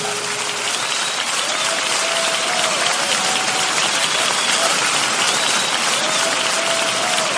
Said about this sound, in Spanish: Dele fuertes palmas al Señor, aleluya.